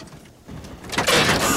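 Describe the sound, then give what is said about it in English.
The doors of a car stopped on a lawn swing open with a mechanical clunk and a rising whoosh as boys are ejected out onto the grass, building from near-quiet into a loud, sustained rush of noise, with no talking. “The car drives off and stops on a lawn. The doors swing open and the boys are ejected out onto the grass.”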